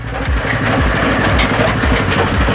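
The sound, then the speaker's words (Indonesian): A pressing machine flattens soaked kolang-kaling (sugar palm fruit). It runs steadily with a loud, low engine-like drone and rapid rhythmic chugging, a continuous mechanical rumble with no voices over it. “Setelah direndam, kolang-kaling akan dimasukkan ke mesin untuk dipres atau dipipihkan.”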